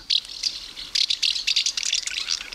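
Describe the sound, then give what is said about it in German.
House martins, gathering in Bavaria, twittering in a busy run of dry, high-pitched chirps and rattling trills, coming in quick irregular bursts for a couple of seconds with no voices. “Da zwitschert's.”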